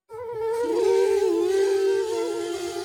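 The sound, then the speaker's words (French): A mosquito in a bedroom gives a thin, whining buzz that drones on steadily for a few seconds, its pitch wavering slightly up and down, with no voices over it. “Toudou veut chasser le moustique de sa chambre.”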